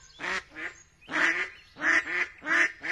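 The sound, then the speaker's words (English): Ducks quack and geese honk in a run of about six harsh, nasal calls, some in quick pairs, fairly loud, with no voices present. “Now that he's a toddler, we watch raptors soar over parks and swans, ducks and geese paddle across lakes.”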